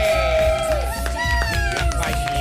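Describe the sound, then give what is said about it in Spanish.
A loud, steady burst of audience applause, dense clapping mixed with cheering and high whooping voices that rise and fall throughout. “Y un aplauso fuerte”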